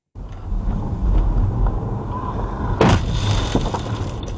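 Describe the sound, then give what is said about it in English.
A sudden loud crash as a high-speed e-motorbike rider crashes into a car cuts through the steady rumble of road and engine noise with wind buffeting, then the low roar carries on afterward. No one speaks. “The moment a high-speed e-motorbike rider crashed into”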